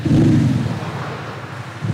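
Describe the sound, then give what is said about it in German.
A steady, low rumbling engine drone idles continuously for two seconds, heavy in the bass with a fairly even loudness and no voices over it; the idle sound of an Audi is produced by its factory-fitted sound generator, a loudspeaker rather than the engine. “So klingt der Wagen ohne Soundgenerator. Und mit Soundgenerator ab Werk dann so.”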